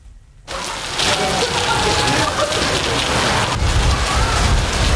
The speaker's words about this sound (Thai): ที่กรุงโตเกียวครับตอนนี้ผู้คนเร่งหาที่หลบฝนจากอิทธิพลของพายุนะครับที่ทำให้เกิดฝนหนักลมกระโชกแรงและเกิดเหตุดินถล่มหลายจุดในภูมิภาคคันโตครับ